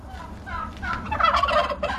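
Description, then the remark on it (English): A flock of 80 heritage turkeys on a rural block outside Darwin, Australia, gobbling loudly, overlapping rattling calls rising and falling in a continuous chorus with no talking. “at her rural block outside of Darwin, where she currently cares for 80 very loud and charismatic heritage turkeys.”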